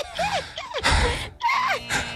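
Panicked, gasping breaths, loud, several ragged inhales and exhales in quick succession, broken by strained, wavering vocal whimpers, as a person acts out running from a chasing dinosaur.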